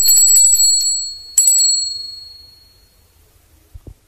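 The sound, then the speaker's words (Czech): A small hand bell is shaken briskly, giving a bright, tinkling jangle that rings twice in quick succession and then fades away, followed by a soft thump. “Ako li vám teško nije, ovim zvoncem pozvolite.”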